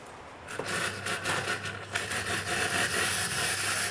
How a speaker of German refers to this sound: Die Kaffeemaschine streikt.